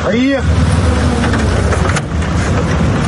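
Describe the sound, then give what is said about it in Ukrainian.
A car that picks up the news crew drives past, reported from Kramatorsk, with a steady, continuous engine rumble and road noise; a brief voice fragment is heard at the very start. “Саме звідси нас забирає машина.”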